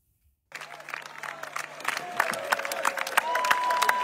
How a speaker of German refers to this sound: Das Open Flair Publikum skandiert seinen Namen.